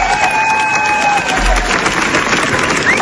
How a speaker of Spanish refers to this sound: 17 minutos de aplausos. 17 minutos de aplausos.